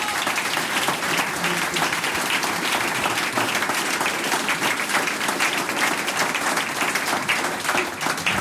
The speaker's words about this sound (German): Danke unserem Team, das ist euer Applaus.